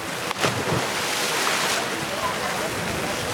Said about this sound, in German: Ein paar hundert Meter weiter strömt derweil das Wasser in das Becken, in dem die Siedler sich abkühlen.